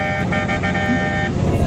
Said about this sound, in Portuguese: Bora buzinar.